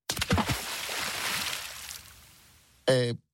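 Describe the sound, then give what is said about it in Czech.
A heavy splash as a huge tangled ball of plant stalks drops into the sea at the shore, followed by a long wash of churning, settling water that slowly fades. A voice briefly begins speaking at the very end. “Lodyhy se vzájemně propletly a utvořily velikánské klubko, které sebou zmítalo, přetlačovalo se a koulelo ulicemi města, až se dostalo na mořské pobřeží a tam s velkým šplouchnutím spadlo do vody.”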